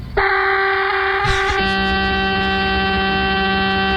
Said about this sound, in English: No, that was not a big bleep. That was a giant train horn.